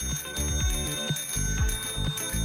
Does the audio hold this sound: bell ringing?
yes